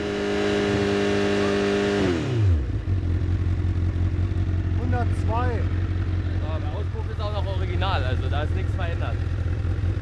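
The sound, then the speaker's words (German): At a police speed checkpoint, a car engine is held at 6,000 rpm for a noise level measurement. It gives a loud, steady whine for about two seconds, then drops sharply to a low, rumbling idle while people talk over it. “Ganz normal, und dann pegeln Sie mal 6000 Umdrehungen ein.”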